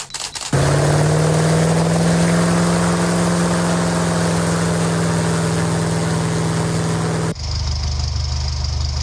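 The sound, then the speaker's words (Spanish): A few quick camera shutter clicks, then a loud, steady airplane engine drone with a strong low hum, cutting abruptly to the rougher, lower rumble of a Seat 600 car engine idling. “Estos tres sonidos, el clic de una cámara fotográfica, el del motor de un avión y el del motor de un Seat 600, pueden sintetizar toda una vida”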